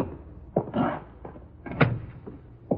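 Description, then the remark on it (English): A door is opened, with a series of short clunks and a creaking scrape as it swings, ending in a sharper knock; no one speaks. “Ah, here's the door, Thurston. But I do not see any sign of the watchman around. Nor do I. Door's open. Go in.”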